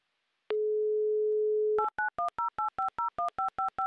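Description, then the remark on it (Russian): A steady telephone dial tone hums for over a second, then a quick run of about a dozen short keypad beeps as a phone number in Kotovsk is dialed. It is clear, with no voices. “Набран номер телефона Яны, звоним в Котовск.”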